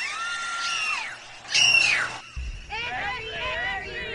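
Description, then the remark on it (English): A baseball crowd at Wrigley Field screaming in panic: long, high-pitched shrieks rise and fall, one sharp burst stands out, then many overlapping frantic cries and yells carry on loud. “People began to point and scream.”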